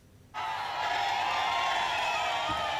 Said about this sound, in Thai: บรรยากาศการรับสมัครเลือกตั้งนายกองค์การบริหารส่วนจังหวัดขอนแก่นเปิดฉากวันแรกคึกคักทีเดียวนะคะกองเชียร์ทยอยเดินทางมาให้กำลังใจผู้สมัคร